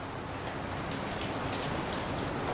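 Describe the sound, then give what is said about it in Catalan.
Steady rain falls continuously, a dense hiss of drops with brighter patters spattering on a surface, even in loudness, with no voices. “A dia d'avui, amb la mineria asturiana liquidada, el que resta és la memòria, la pluja i el silenci.”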